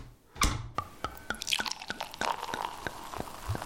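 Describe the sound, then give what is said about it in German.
Water drips steadily in a sauna at a luxury hotel in Vienna's Josefstadt district, a string of about a dozen crisp, bright plinks at uneven intervals over a low background hush, with no voices. “In eine Sauna schickst mich nie wieder”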